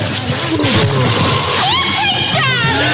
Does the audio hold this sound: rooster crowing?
no